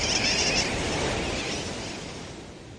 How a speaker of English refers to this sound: Some say sooty terns derive their nickname wide awake from the kerwackywack or wackywack of their call.